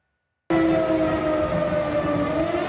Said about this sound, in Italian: A Lublino e in tutta la Polonia orientale risuonano le sirene. La Russia ha appena bombardato le regioni occidentali dell'Ucraina.